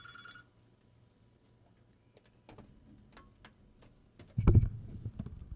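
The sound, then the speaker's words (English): A telephone's ring cuts off after a brief moment, followed by scattered light clicks and then a louder clattering thump, like a handset being picked up. “See, who's calling? I can only imagine.”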